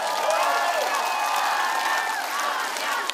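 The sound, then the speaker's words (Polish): A crowd applauds steadily and loudly, a dense wash of overlapping claps, with scattered cheers and high whistling voices rising through it for the whole stretch. “Brawa, poproszę.”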